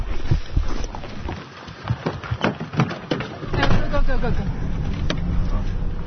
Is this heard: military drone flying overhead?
yes